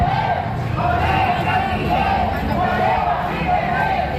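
University, vocational and secondary students protesting abusive rents chant in unison in the street at rallies in Cáceres and Mérida: loud, steady voices rising and falling in a repeating rhythmic pattern, with a dense roar of many people underneath throughout.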